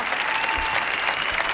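An audience claps steadily for a musician, a dense, even wash of many hands with no break in the rhythm, fairly loud throughout, and no voices stand out.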